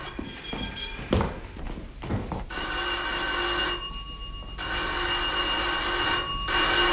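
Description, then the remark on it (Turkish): A doorbell at a doctor's practice rings again and again in long, sustained bursts, a bright buzzing ring with brief gaps between presses, preceded by a few soft thuds and taps. “Aa, yeter oğlum, sürekli çalma zili.”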